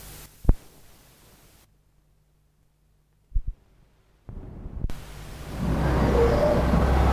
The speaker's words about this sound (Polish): Tutaj specjalnie zrobiłem, postawiłem taką kasetę wbrew z tym szumem, żeby pokazać, jaki jest poziom szumu tutaj, jak porównać.